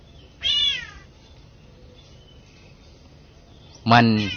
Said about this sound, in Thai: ไปเห็นไอ้นกตัวหนึ่งมันแปลกดีอยู่นะไอ้นกตัวนี้มันแปลกมีเสียงวะเนี่ยมันเป็นนกสั่งแซวแต่มันร้องเหมือนแมว